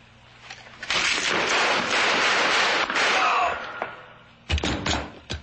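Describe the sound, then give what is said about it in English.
A few sharp, percussive gunshots in quick succession, shooting a man, burst out near the end, following several seconds of a loud, steady rushing noise. “I just shot a man.”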